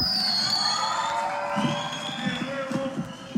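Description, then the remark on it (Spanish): A large audience cheers and shouts with sustained applause for a band at the closing of Radioactiva's Maratón del Gallo 2026, a dense wash of crowd noise with whoops rising above it, fairly loud and continuous throughout. “De nuevo, fuerte el aplauso”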